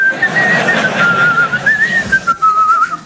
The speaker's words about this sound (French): Il y a 2 équipes en bricolage. Il y a les très très bons et il y a nous les gars. Tu sais à quoi on connaît les très très bons? Ils sifflent.